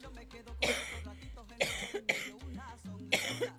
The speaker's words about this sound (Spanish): Ay, Dios mío, que tengo esta tos maldita que no me quiere dejar.